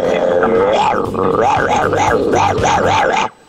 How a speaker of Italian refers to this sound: … dal vivo con i cani.